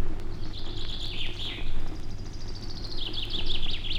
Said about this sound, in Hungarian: Már éppen lecsukódott a szeme, mikor hallja, hogy két színege madár beszélget a feje fölött a bükkfaágon.